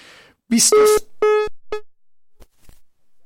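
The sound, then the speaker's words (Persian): A telephone beeps after a call ends: three loud, steady mid-pitched electronic tones, the first longest and the last shortest, followed by a couple of faint clicks. “این گوش من وقتی این میگه بیپ بیپ بیپ بیپ.”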